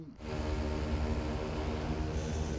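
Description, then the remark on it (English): A large 1.8-meter square autonomous agricultural drone flying and sowing rice seeds in Akita Prefecture, its rotors giving a steady, loud buzzing whine with a droning hum underneath. The sound holds constant throughout, and no voices are heard. “The collaboration between a local government, a university, and a company has developed a flying drone that sows rice seeds.”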